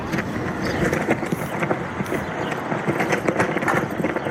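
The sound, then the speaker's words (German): A US flag flaps hard in strong wind in the Mojave Desert, California, its fabric rattling and snapping in rapid, irregular bursts over a steady rush of wind, with no voices. “Eine US-Flagge knattert im Wind in der kalifornischen Mojave-Wüste.”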